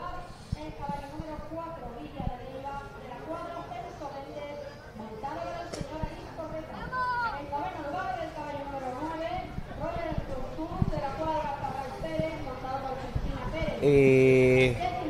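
Busy outdoor ambience at the horse races on the beach of Sanlúcar de Barrameda: a crowd murmurs and calls out while scattered hoof clops knock in the background, ending with a brief loud tonal blast near the close.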